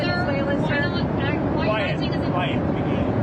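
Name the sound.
airplane cabin engine noise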